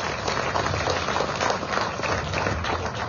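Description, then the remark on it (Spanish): A crowd in Cochabamba, Bolivia, applauds the mayor of Villa Tunari, Omar Claros, steadily for about three seconds: a dense, even wash of many hands clapping at a constant loud level with no voices standing out. “Las palabras de nuestro hermano alcalde del municipio de Villa Tunari, para quien pido otra vez un fuerte voto de aplausos al hermano Omar Claros.”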